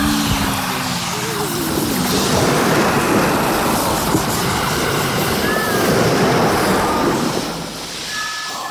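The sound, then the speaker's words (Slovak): Loud, continuous roar of rushing, churning water with waves crashing heavily as water floods below the deck of a ship within minutes. Brief faint creaking tones rise above the surge near the end. “Pod palubie zaplavila v priebehu niekoľkých minút voda.”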